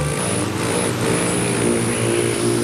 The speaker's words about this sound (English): Don't be fooled by the gentle whirring sound of a hummingbird in flight. This male rufous hummingbird performs elegant and aggressive courtship displays to defend his territory.